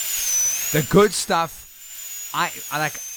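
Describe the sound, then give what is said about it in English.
A dentist's drill whirs with a thin, steady high-pitched whine that wavers slightly and runs the whole time, while a voice makes several short bursts of sound over it. “I hate the dentist. I also hate the sound.”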